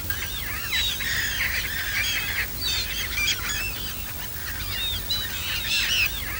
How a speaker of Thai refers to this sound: สำหรับบึงน้ำด้านหลังเป็นที่อาศัยของเป็ดน้ำย้ายถิ่นมากมายที่ดูได้อย่างใกล้ชิด